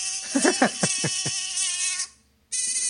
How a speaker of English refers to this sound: What is that? Sorry, it was a mosquito in the studio. No, seriously, what is that? She must have played a little bit of a sound effect.